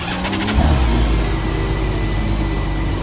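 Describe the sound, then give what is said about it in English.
The 6-cylinder BMW motorcycle engine of a three-wheeled T-Rex car at Compagnie Motors cranks briefly when the start button is pushed, then catches and settles into a loud, steady rev with a deep throaty rumble, with no talking. “The only thing left to do is push the little engine start button.”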